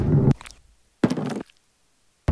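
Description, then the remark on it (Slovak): Three close, thunky ballpoint pen clicks in ASMR style, each a short, full-bodied knock with gaps of silence between them, the last cut off at the end. “A takto znie úplne, že ASMR guličkové pero.”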